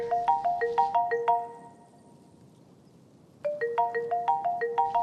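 A phone ringtone plays a quick, bright repeating electronic melody, pauses into near silence for about two seconds, then starts the same jingle again, clear and fairly loud with no voices.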